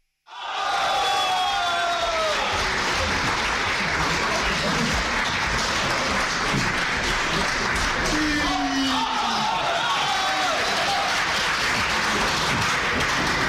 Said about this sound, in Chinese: 来听一段郭德纲和于谦合说的相声《河南戏》，咱们掌声有请。